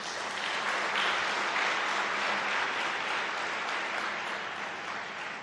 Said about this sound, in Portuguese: Por isso, peço uma grande salva de palmas.